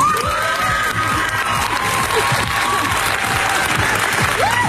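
A crowd applauds loudly and steadily for the winner of the Bulgarian selection for Eurovision, dense clapping filling the whole stretch with some cheering and shouts mixed in.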